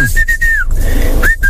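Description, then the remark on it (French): A man whistles a catchy pop tune: a few clear, bright notes with a sliding upward swoop, sustained and steady against a low background hum, with no talking. “Après, il a sifflotté.”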